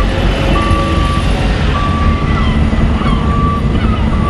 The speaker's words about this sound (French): Ici, un balai incessant de camions. Ils transportent de gros conteneurs maritimes qu'ils chargent ou déchargent sur les quais.